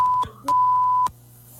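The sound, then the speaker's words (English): A censorship bleep over a 6-year-old child's screamed profanity: two loud, steady high-pitched tones, a short one followed by a longer one, each starting and ending abruptly over a low background hum, with no audible speech. “So this kid's screaming, again, we got to bleep it.”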